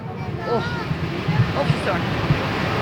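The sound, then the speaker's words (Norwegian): A steady roar of rushing water from a waterfall tumbling down a mountainside, with faint murmuring voices drifting over it. “Ja, så kanskje dere hører lyden at vi nærmer oss fossen, dere.”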